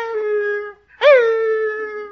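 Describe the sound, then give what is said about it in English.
A voice imitates a retriever puppy's whimper: a long, high, tonal whine, a brief pause, then a second whine that swoops up sharply and slowly trails off, clear with no other sounds. “Well, every time I started to leave, that little puppy went...”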